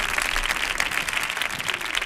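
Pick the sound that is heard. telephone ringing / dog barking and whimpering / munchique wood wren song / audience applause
audience applause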